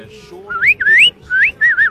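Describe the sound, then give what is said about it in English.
A person whistles out of the side of the mouth, a few short, rising and warbling phrases, fairly loud, with brief gaps between them and a low background hum. “You sort of whistle out of the side of your mouth.”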